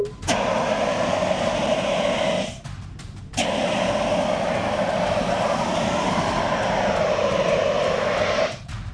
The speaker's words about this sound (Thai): คราวนี้จะใช้น้ำมันเป็นเชื้อเพลิงแต่เดี๋ยวพี่จะใช้ CO2 ฉีดดับให้ดูก่อนว่ามันดับได้จริงๆนะครับนี่ครับ CO2